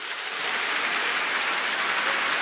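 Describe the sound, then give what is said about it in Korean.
Steady audience applause fills the whole clip, a dense wash of many hands clapping at an even, sustained loudness with no voices over it, thanking the operating committee members at the 2026 Nara Sarang Festival (나라사랑축제) in Iksan, Korea. “여러분 감사의 박수를 부탁드립니다.”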